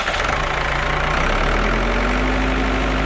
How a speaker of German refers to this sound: Trecker fahren. Finde ich ja nur geil.